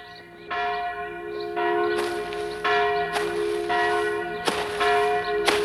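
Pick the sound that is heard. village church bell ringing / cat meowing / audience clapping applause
village church bell ringing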